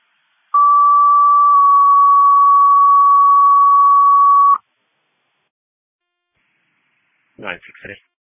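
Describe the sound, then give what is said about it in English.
City fire dispatch alert tones calling engine 3 to a breathing problem on West Main Street: a loud, steady electronic tone lasting about four seconds, dropping slightly in pitch partway through, followed by silence and a short burst of radio voice. “City fire shelf alarm, engine 3, breathing problem, West Main.”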